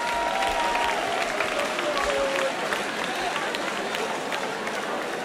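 A crowd applauds steadily, a dense wash of clapping with scattered cheers and whistles rising above it, loud and continuous for several seconds.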